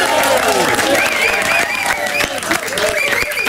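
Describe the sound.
A studio audience bursts into loud, sustained applause, a dense wash of clapping with a few whoops and cheering voices mixed in, close and steady for the whole stretch.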